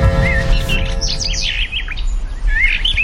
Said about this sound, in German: Irgendwann, vor unzähligen Jahren, hat ein Mensch einem Vogel beim Singen zugehört.